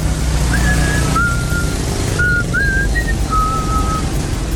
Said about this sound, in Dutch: Oh, hoor je dat fluitje?